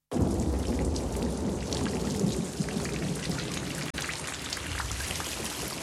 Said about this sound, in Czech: Venku blýskalo a hřmělo.